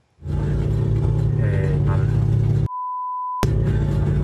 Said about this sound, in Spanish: el auto que seguía encendido por poco se va solo